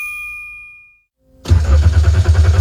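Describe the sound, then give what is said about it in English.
A bright warning chime rings and fades, then after a brief pause a car engine cranks loudly and rhythmically, churning without catching. “The engine might not start now, but your car could still be a fresh start for at-risk boys at Road Heaver Boys Ranch.”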